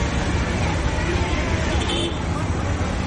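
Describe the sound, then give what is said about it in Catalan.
A dense, steady roar of street noise in the chaotic city of Karnal: traffic rumbling continuously with a murmuring crowd of voices mixed in, no single sound standing out, busy and fairly loud throughout. “De tota manera, tot i ser petita, Karnal és una ciutat força caòtica, amb cables d'electricitat per tot arreu, brutícia, trànsit...”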